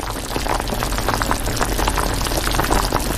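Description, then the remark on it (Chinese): A pot of chicken stew, the northwestern Chinese dish dapanji (big plate chicken), bubbles steadily after the chicken pieces were stir-fried and water added for stewing, with a dense, continuous gurgle and frequent small pops throughout. No one speaks. “鸡块下锅翻炒，香气渐浓，等到一定时间加水炖煮，香味更浓。”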